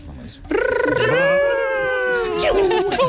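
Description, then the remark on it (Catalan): A parent's voice imitates the video game sound of Sonic, the blue hedgehog, running very fast: one sustained, strained vocal whine that rises slightly, holds steady for about two seconds, then breaks into a breathy, raspy finish. “I heu de fer el Ronaldo d'en Sonic corrent molt ràpid, molt ràpid, molt ràpid.”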